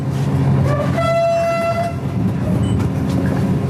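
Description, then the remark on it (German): An express train, numbered 889 and three carriages long, having left Vilnius main station in Lithuania, rumbles steadily and rather leisurely along the rails on a grey morning with sleet: a dense low rolling drone throughout, with a brief whistle-like tonal blast partway through. No one speaks. “Der Zug fährt eher gemächlich durch den grauen litauischen Morgen.”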